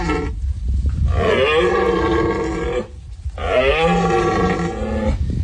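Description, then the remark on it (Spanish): A red deer stag bellows twice during the rut, now in its final phase, in the Sierra de los Filabres, Almería, Andalusia; each call long, deep and groaning, loud, separated by a short pause, over a steady low background rumble. “Es el sonido de la berrea del ciervo que está ya en su fase final en la Sierra de los Filabres.”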